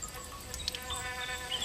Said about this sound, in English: Insects busily buzzing as they search for food.